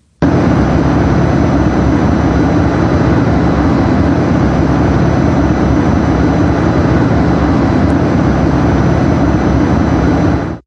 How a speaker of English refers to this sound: This is basically a mechanical sound. It might be something like the hum of a refrigerator or air conditioner. It is a sound that people said they could hear, but over time they tended to tune it out.